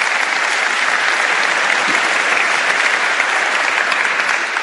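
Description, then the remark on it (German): Sustained audience applause, a dense steady wash of many hands clapping at an even, loud level throughout with no voices standing out. “Und jetzt nochmal bitte ein großer Applaus für Sie alle.”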